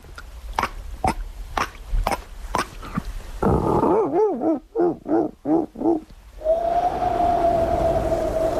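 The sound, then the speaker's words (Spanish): A person imitates a dolphin: a quick run of sharp clicks, then a string of rising and falling squeaky chirps, ending in a long, steady high whistle. “Mira, joder, al mar y todo, te puedo hacer un delfín.”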